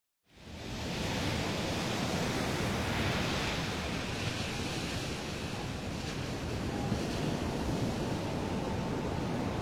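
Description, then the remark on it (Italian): A steady, dense roar of rough sea with high waves surging continuously, loud, fading in at the start and holding without any voices. “I flutti si impennano alti e fra il mare e il cielo non si vede una vela.”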